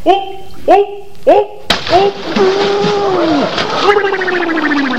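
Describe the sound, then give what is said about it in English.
A sudden loud splash of a person jumping into a pool, followed by a few seconds of churning, sloshing water while voices call out over the noise. “Holy cow, he knocked half the water out of the pool.”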